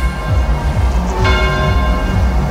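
A large, deep bell rings with long, sustained overtones, and a fresh strike midway sets it humming again over a low, rumbling backdrop. No one speaks.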